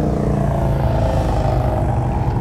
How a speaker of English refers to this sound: Might be a little hard to hear me, considering the competing noise that's going on. If you just look up and down the main drag of Lake George, motorcycle after motorcycle. Some are for sale, some are for riding. All I know is it's loud.